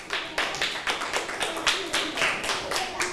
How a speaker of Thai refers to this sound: ถูกต้องปรบมือให้เพื่อนหน่อยค่ะ